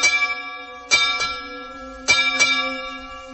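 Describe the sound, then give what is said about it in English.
A ship's bell rings clearly in quick double strikes, each pair of bright clangs leaving a long, shimmering hum that lingers between them. No one speaks. “And not only that, my father is at sea, a ship's bell.”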